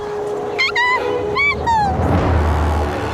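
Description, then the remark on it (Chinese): Jackals give a few high, wavering yips and howl-like cries in quick bursts, followed by a low rumbling growl underneath, loud. “豺狼，熊猫妈妈受伤了，肯定跑不掉的。”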